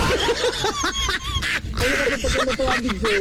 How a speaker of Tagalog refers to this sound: Daghan kag manok sa iyang background.